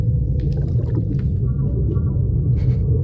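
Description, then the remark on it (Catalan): Whale vocalizations sound underwater: a steady low rumble with a drawn-out tonal moan in the middle and scattered higher clicks and chirps, no voices present. “Són balenes.”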